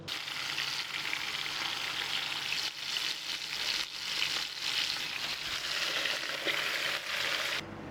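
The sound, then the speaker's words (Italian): Steady, crackling sizzle of a soffritto frying in a pan in a kitchen near a lake, the start of sbroscia, a local fish soup, in which fish heads will be flavoured; a dense bright hiss with small pops throughout, fairly loud and continuous, with no voices, cutting off just before the end. “Si inizia con un soffritto nel quale si insaporiranno le teste, un po' di pomodoro e dell'acqua per creare un fumetto.”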